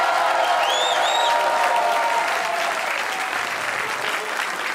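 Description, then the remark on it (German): Hundreds of people applaud steadily in the festival tent at the Funkhaus in St. Pölten during Radio Niederösterreich's long night of folk music, a dense, even wash of clapping that holds loud throughout, with a few bright whistles rising above it early on. “Ja, Sie hören es und Sie sehen es, meine Damen und Herren. Hunderte Menschen hier bei uns im Festzelt vom Funkhaus und die freuen sich schon auf 3 Stunden Tradition, Volkskultur und natürlich Volksmusik, wie der Name schon sagt.”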